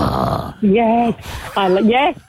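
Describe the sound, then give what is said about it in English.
A person imitates a Staffordshire terrier with two loud, deep, gruff woofs, each about half a second long, preceded by a rough, breathy vocal noise. “And if it's like a staffy, it's like.”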